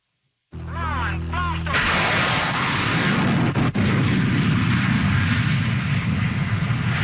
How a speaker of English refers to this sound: The sound of a rocket-powered car trying to jump the St. Lawrence River. It was the most ambitious stunt ever attempted by the daredevil Ken Carter, a.k.a. the Mad Canadian.